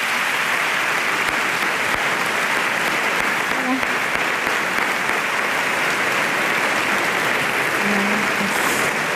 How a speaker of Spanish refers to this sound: Venga, con un fuerte aplauso. … y ….